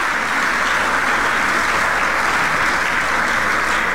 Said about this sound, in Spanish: Denle un aplauso al Rey de la Gloria y vamos a seguir.